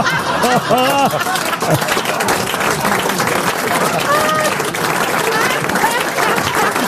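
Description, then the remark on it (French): A crowd applauds steadily, the dense clapping filling the whole stretch at a loud, even level, with a few raised voices and bits of laughter breaking through near the start and again midway. “N'applaudissez pas!”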